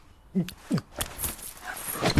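A dog gives a couple of brief, high whimpering yelps while being told to fetch slippers, followed by scattered rustling and clinking noises, with no one talking.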